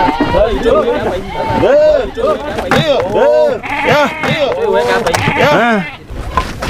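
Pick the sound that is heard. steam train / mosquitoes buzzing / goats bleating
goats bleating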